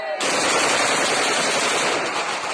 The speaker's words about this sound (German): Dann fallen Schüsse, Balofiers, Freudenschüsse. Verängstigte Kinder blicken sich um.